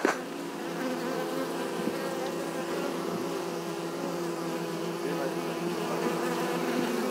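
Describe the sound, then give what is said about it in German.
A dense, steady drone of honeybees buzzing around a hive, many overlapping wingbeats forming a continuous hum that stays fairly loud, with no talking. “Also wie sind die Bienen drauf?”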